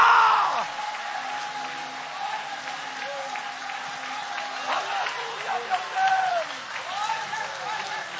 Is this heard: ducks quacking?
no